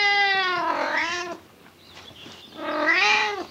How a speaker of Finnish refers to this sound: Onneksi minulla on tämä hassu kisu seuranani.